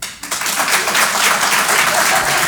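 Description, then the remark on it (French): An audience breaks into applause in answer to being asked who among them has a gym membership, a dense steady wash of many hands clapping that starts abruptly and holds at full strength throughout, with no voices standing out above it. “Applaudissements, mesdames et messieurs, qui sont ceux parmi vous qui ont un abonnement à la salle de sport?”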